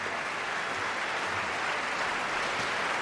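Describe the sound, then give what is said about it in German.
Steady, dense applause from a large opera audience as the cast of Nabucco returns to the stage for the curtain call after the red curtain closes, a continuous crackle of many hands clapping at even loudness throughout, with no voices standing out. “Jetzt ist der rote Vorhang zugegangen und alle Beteiligten kommen jetzt noch einmal auf die Bühne und werden vom Publikum gebührend empfangen.”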